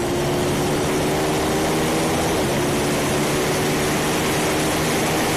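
A bagger motorcycle engine roars loud during the last lap of a race on a circuit, a steady throaty drone with a constant pitch and a dense wash of wind noise, heard from onboard the bike at speed.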